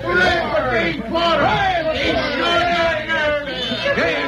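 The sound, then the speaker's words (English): A crowd of townspeople in Wayne cheering and calling out at once, a dense, steady roar of overlapping shouts that carries on without a break. “Oh, they're cheering for you”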